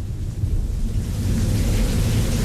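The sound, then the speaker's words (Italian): Steady, heavy rain pours down outside, a dense continuous hiss over a deep low rumble like a storm, with no voices and no break in the sound. “Si sente solo la pioggia fuori.”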